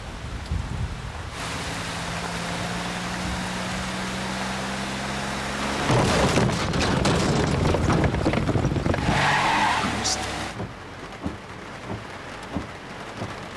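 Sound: scooter driving off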